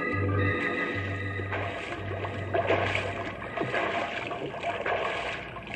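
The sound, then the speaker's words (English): Water churns and splashes steadily as a horse wades hard through the icy waters of the Colorado River, with Marcus Whitman keeping its head above water, with a low droning undertone throughout and no voices. “But at the Colorado River, Marcus Whitman still fought desperately to pick up the trail to Boston, fought to keep his horse's head above the icy waters.”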